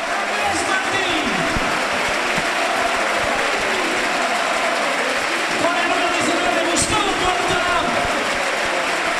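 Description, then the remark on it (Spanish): Sustained applause from the crowd at El Sardinero stadium bidding farewell to a departing player during a football match, a steady dense roar of clapping and cheering that holds at an even, loud level throughout, with a few brief sharper bursts rising above it. “vamos a escuchar cómo despide el sardinero a un hombre que igual está ante su última vez.”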